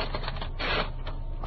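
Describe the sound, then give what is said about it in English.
A brief rasping swish as a sheet is drawn out of a typewriter, with a few soft clicks around it over a steady low hum. “Take it out of the typewriter.”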